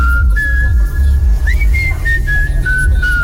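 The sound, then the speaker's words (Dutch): A short whistled imitation of the HEMA department store jingle, sent as a voice message: a few sustained, gliding notes with added echoey reverb, played over a steady low rumble with no talking. “dapper probeerde zojuist om het fluittoontje van de HEMA te doen”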